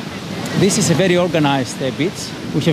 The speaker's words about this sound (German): Wir sind glücklich, hier an der Ägäisküste zu sein. Klar, der ganze Pelion ist schön, ich möchte da nichts abwerten, aber wir haben eben hier das offene und sehr klare Meer. Aber hier haben wir offene See und es ist wirklich clean.